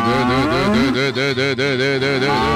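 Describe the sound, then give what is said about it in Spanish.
A cow moos loudly in one long, unbroken bellow with a wavering, pulsing pitch that carries through the whole moment, with no voices alongside, while its legs are being tied. “Amárrele las patas, se lo va a comer a la vaca, ¿o qué?”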